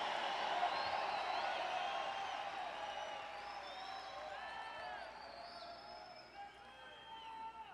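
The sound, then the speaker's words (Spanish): An audience shouts "hallelujah" and cheers together in a loud, sustained roar of many overlapping voices, with scattered higher cries rising above the din for several seconds. “Me gusta ese aleluya, ese grito.”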